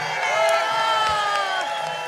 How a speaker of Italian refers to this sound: Questa sera siete 600, fatemi sentire un urlo di 600 persone!